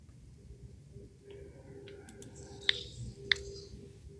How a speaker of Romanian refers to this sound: Doamnă, vă auzim că tastați acolo.